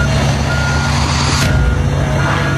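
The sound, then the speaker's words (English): A heavy front-end loader's engine drones loudly and steadily while a backup alarm beeps over it, with a sudden harsh burst of crushing noise about halfway through, as the loader crushes street bikes, scooters, e-bikes and motorcycles gathered up by the NYPD. “And they're just crushing it with a front-end loader.”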